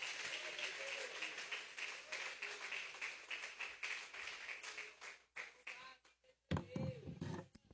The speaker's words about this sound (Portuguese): Recebe o homem de Deus com as palmas para Cristo, igreja.